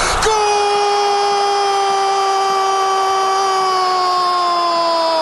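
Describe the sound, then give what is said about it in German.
An Argentine television commentator holds one loud, sustained goal shout for Messi's 3-0 goal for over five seconds, a single unbroken vowel whose pitch sags slowly toward the end, steady with no pauses. “Er schreit immer noch. Und wie lange geht das noch so?”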